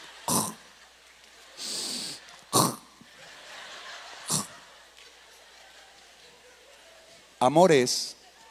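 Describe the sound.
A voice imitates soft, delicate snoring: a handful of short, breathy puffs and snorts at uneven intervals, ending in a longer, throaty, rattling snore.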